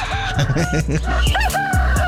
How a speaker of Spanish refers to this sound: A ver, que suenen esos gallitos.